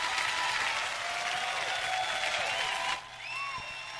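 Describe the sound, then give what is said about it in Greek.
Sustained applause from a large audience, a dense wash of clapping that fills the first three seconds, then drops away abruptly, leaving a few faint scattered claps and room noise. “Έτσι το χειροκροτάγαμε και εμείς για πολλή ώρα.”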